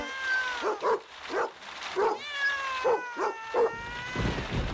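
Several cats meow in drawn-out, wavering cries, mixed with a scattering of short dog barks and yips. The animal sounds overlap in a busy, fairly close chorus with no talking.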